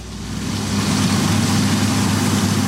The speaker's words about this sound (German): Die Mähdrescher und Traktoren haben sich schon über trockenen Boden und durch staubige Luft gearbeitet. Etwa ab Juni starten die Landwirte mit den Maschinen auf den Feldern.